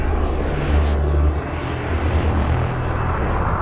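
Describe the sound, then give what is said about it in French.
A loud, steady roar of military aircraft flying over cities in Israel on Yom Kippur, with deep low-frequency engine rumble filling the whole stretch and no one speaking. “Chose exceptionnelle également cette journée de Kippour, des avions militaires ont survolé les villes.”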